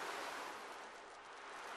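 A steady, soft wash of seashore waves, a continuous hiss of surf without distinct breaks, fairly quiet and even throughout with no voices.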